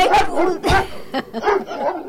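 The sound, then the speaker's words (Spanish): A female dog barks repeatedly, several sharp yips and barks in quick succession with short whiny edges between them. “Ahí está, ladrando.”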